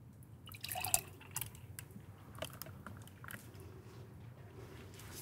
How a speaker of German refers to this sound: Dann nehmen wir halt ein schönes Glas und füllen den ein.